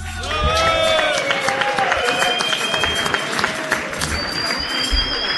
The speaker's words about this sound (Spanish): Pido fuerte el aplauso para la leyenda del canto cordobés, el señor ….